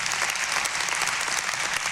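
An audience applauds steadily, dense overlapping claps forming a continuous bright wash of sound at even loudness throughout, with no speech.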